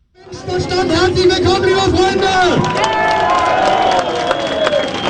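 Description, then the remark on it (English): A dense crowd roars and cheers continuously at a rally of the far-right Alternative for Deutschland (AfD) party in the town of Querfurt, Saxony-Anhalt, Germany, with whistles, shouts and scattered clapping blending into a loud, steady wall of noise outdoors. “A crowd cheers at an Alternative for Deutschland rally in the town of Querfurt.”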